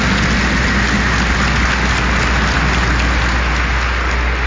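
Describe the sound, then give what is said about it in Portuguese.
An audience applauds to welcome the concelebrants and ministers at a Mass in the Sanctuary of Nossa Senhora, many hands clapping at once in a dense, crackling wash that stays loud and steady from start to finish, with no voices rising above it. “Acolhendo os nossos concelebrantes, ministros, acolhendo mutuamente com uma calorosa salva de palmas.”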